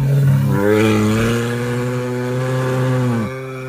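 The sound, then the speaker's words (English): A brown bear in Katmai Park, Alaska, growls during Fat Bear Week in one loud, sustained, buzzing drone, low and rough, dipping slightly in pitch early on and holding steady for about three seconds before cutting off abruptly. “And that was a bear, a brown bear, growling, and it has been Fat Bear Week, and the hairy buggers are fatter than ever.”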